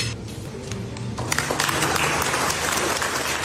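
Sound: applause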